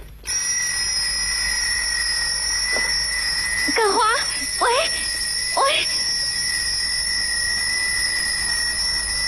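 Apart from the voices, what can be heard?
alarm clock ringing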